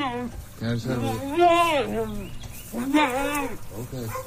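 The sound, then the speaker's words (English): A mule brays loudly in two strained, honking bouts separated by a short pause, each call rising and falling in pitch with a rough, wheezy edge. “Loudmouth mules and goats aside”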